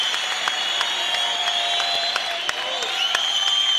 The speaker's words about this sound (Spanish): Aplaude, porque es parte del desarrollo de la fe, del poder. Usted debe de alcanzar eso. Tiene que aplaudir.